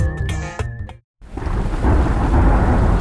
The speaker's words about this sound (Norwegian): Ja, der kom regn igjen.